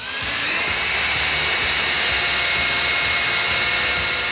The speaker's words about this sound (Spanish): ¿Por qué el vecino del tercero coge el taladro un domingo a las 8 de la mañana? O sea, es que, ¿qué sentido tiene eso, por favor?